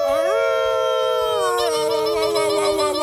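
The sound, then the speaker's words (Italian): A long, wolf-like howl rises and holds a sustained wavering pitch, loud, with a second overlapping howl joining partway through to form a short chorus. “Ululiamo!”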